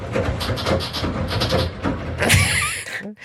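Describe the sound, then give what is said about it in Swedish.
A machine creaks and clatters in a steady mechanical rhythm, fairly loud, then gives a sharper hissing squeal before stopping abruptly. “Men alltså så här knarrar den.”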